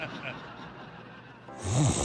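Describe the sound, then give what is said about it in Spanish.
A person snores once, a raspy, rumbling inhale that swells in loudness near the end, against a soft background hiss. “En Mattress Firm sabemos que hay muchos problemas que pueden impedir tu sueño, como ronquidos, dolores y molestias o calor al dormir.”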